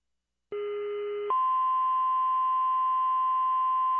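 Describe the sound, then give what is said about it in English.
A steady electronic telephone tone, heard while a call is being placed, starts after a brief silence, holding a lower pitch for under a second before jumping to a higher continuous tone that sounds unbroken to the end. “Making a call.”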